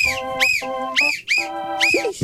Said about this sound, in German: Pfeifst du jetzt auch? Wow. Ah. Okay. Pfeifst du jetzt auch zur Musik?